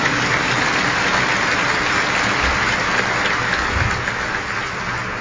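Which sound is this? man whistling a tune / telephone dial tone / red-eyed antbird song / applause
applause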